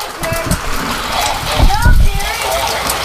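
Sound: pea-sized hail falling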